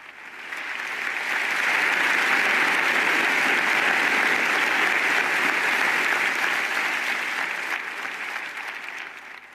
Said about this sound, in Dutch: Een applaus dus van de professoren en studenten van de La Sapienza Universiteit in Rome na deze mooie toespraak van de Heilige Vader.